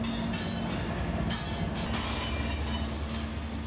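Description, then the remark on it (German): A long freight train of about 100 cars rumbles steadily past on a riverside track in New Orleans, blocking all the crossings for minutes, loud, with continuous grinding wheel noise and a faint metallic squeal running throughout, no voices. “Direkt am Ufer verläuft eine Güterzugstrecke, auf der gerade ein 100-Wagen-Zug minutenlang alle Übergänge blockiert.”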